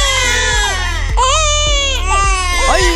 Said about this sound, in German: Ja, ein Baby ist schon eine Herausforderung, aber so eine Mehrlingsgeburt, die hat's in sich. Mehrfaches Babygeschrei, mehrere Windeln auf einmal wechseln und das Ganze im Akkord.